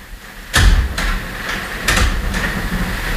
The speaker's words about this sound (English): She went in our bedroom and then went into her office inside of our bedroom and closed the door to do that.